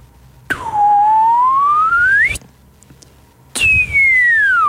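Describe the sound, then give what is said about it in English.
Two whistled glides imitate a slide whistle: the first sweeps steadily upward in pitch for nearly two seconds, then after a short pause a second one slides downward. The whistling is clear and loud, with no talking. “Slide whistle for starters, up and down.”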